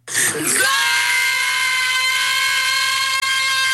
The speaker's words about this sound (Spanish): Ay, no, espérate. Están gritando gol. Que si les se escucha mejor, dicen.